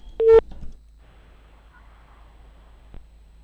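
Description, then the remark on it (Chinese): A single short electronic phone tone sounds near the start of a call to the office of the Xinghe County People's Government in Ulanqab, Inner Mongolia, followed by a quiet, faintly hissing line and one soft click near the end. Nobody speaks. “电话播出了，我们共同耐心等待，看能否正常接通啊。”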